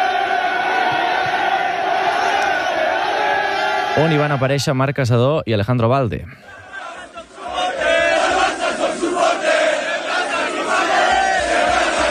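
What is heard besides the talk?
football fans celebrating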